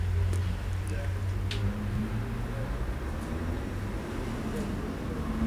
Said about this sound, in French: Le feu est rouge. De la rue du Four, quelques voitures